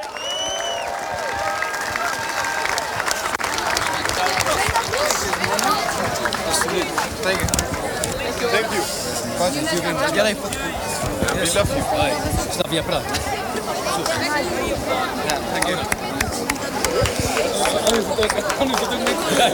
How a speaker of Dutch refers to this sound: Mag ik een heel hartelijk applaus, een big hand voor Slavia Praag.